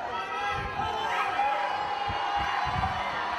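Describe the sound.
A dense outdoor crowd of onlookers and fans in the historic centre of Locorotondo cheers and clamors for footballer Haaland, a church guest: a continuous wash of many voices with scattered shouts and occasional dull thumps, fairly loud throughout.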